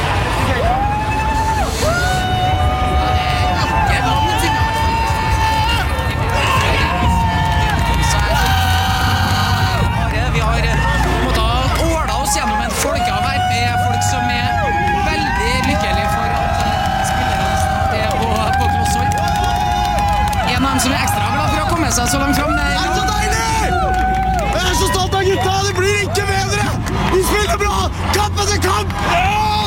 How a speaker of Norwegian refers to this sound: Og ned i folkehavet her så beveger bussen seg så vidt fremover